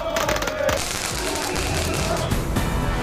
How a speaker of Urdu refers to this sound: Boston میں FIFA world cup کا جنون چرم پر دیکھنے کو مل رہا ہے. موروکو اور فرانس کے فینس نے آتش بازی کی.